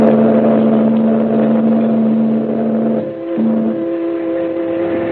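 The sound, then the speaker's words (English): A small motor launch's engine drones steadily with a strong low hum as the launch moves away up the coast while a liner churns off up the harbor, briefly dipping before settling into a slightly higher, sustained pitch. No voices. “The man grabs the package, and the little launch moves away and heads up the coast as the liner churns off up the harbor.”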